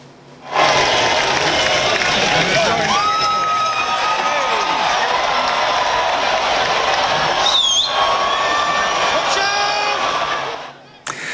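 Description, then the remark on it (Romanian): A large outdoor crowd at the start of an annual cheese-rolling race in a village in England, where dozens of people line up, cheers and shouts in a loud, steady roar for about ten seconds, with overlapping voices, occasional whistles and scattered yells rising above the noise. “Într-un sat din Anglia a avut loc ediția anuală a celebrului concurs de alergat după brânză. Zeci de oameni s-au aliniat la start.”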